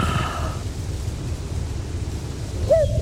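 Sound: cuckoo calling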